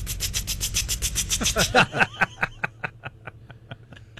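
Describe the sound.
A voice imitates a water sprinkler: a rapid, steady run of sharp hissing ticks that then spaces out into slower, evenly paced clicks, fairly loud with no other sound.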